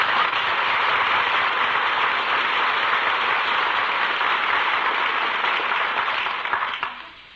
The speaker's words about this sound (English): Maestro acknowledges the applause, takes a bow.